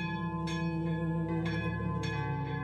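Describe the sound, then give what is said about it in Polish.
Church bells in Holeszów ring in an urgent alarm, loud, with repeated clanging strikes about once a second over a thick, humming wash of lingering overtones. No one speaks. “Dzwony biją na trwogę.”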